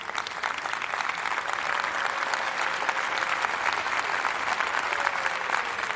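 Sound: applause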